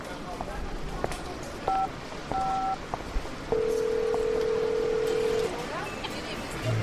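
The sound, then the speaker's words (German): Aiko's mobile phone rings with short electronic beeps followed by a longer, steady warbling tone, all over a constant noisy background. “Klingt wie Aikos Handy.”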